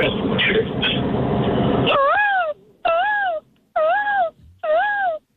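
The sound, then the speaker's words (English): A caller on the phone imitates a peacock as an entry in a best-peacock contest, with four loud, rising-and-falling wailing calls, evenly spaced, after a couple of seconds of muffled noisy rumble. “All right, let's hear your best peacock.”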